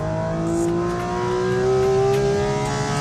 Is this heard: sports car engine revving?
yes